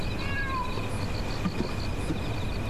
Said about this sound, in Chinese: 这是你养的猫，还挺好看的。 你别吓着我的猫， 他心中无鬼，并不怕我。